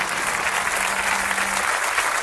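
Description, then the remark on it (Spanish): A dense, steady wash of audience applause for a band and a murga after a performance, loud and continuous throughout with no break, many hands clapping at once. “Fuerte el aplauso. El segundo aplauso es para la murga”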